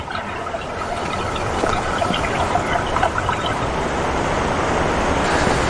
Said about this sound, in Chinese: 看到脚下啊，注意一下，注意一下，这就是我们刚刚说的那个泉眼。你看，从这个位置，水冒出来之后，冲到这个小溪里面。